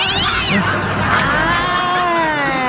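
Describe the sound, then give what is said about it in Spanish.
A cat meows loudly, with drawn-out, wavering cries that overlap into a continuous yowling chorus for a few seconds, over a busy background murmur. “Es el día del gato del patrón.”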